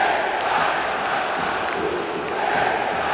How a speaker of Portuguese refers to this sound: Com força, canta em protesto à torcida, Lucas.